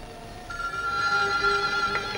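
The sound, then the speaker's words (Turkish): A telephone rings with a steady, high-pitched electronic tone that sits clearly over a faint low background hum, starting after a brief quiet moment. No one speaks. “Şu telefonlar da insanın rahatını bozacak zamanı iyi seçerler.”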